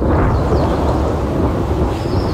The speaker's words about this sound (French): Un orage, la pluie. Eh oui! C'est facile comme ça. T'as bien deviné. Donc, c'était bel et bien des orages qui vont peut-être tomber comme aujourd'hui au courant de la journée.